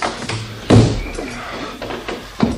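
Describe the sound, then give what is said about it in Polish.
A door swings shut with a solid, resonant thud, followed a moment later by a softer knock as it settles, against a quiet background. “Zamknij drzwi, kochaciu.”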